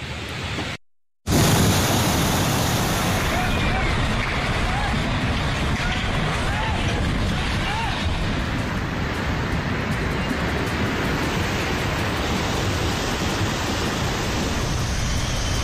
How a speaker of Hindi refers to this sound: जम्मू कश्मीर में लगातार बारिश हो रही है, पुंछ, रजौरी, किश्तवाड़ सबसे ज्यादा प्रभावित बताए जा रहे हैं और चिंता की बात यह है कि मौसम विभाग ये कह रहा है कि अभी आने वाले 24 से 36 घंटे तक ऐसे ही भारी बरसात रह सकती है।